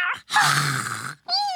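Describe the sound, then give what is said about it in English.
A human voice imitates a cat's meow in a few drawn-out, wavering calls, fairly loud, with brief pauses between them. “Meow.”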